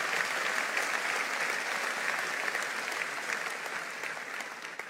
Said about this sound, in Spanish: Vamos, dale un aplauso al Señor fuerte.